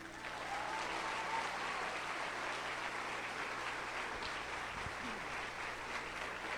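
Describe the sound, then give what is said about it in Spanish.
Steady applause from an audience in the evening, dedicated to Jesus. A dense wash of many hands claps at an even level for several seconds without pause or spoken voices. “Bueno, y le vamos a dar esta noche el mejor de los aplausos al verdadero artista.”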